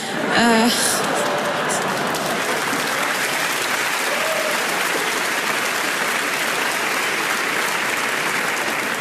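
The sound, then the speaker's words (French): Sustained applause from the audience members from Lille, a dense wash of many hands clapping at steady loudness, with a brief vocal whoop near the start. “Ceux qui applaudissent, c'est les Lillois.”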